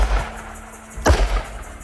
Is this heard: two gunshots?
yes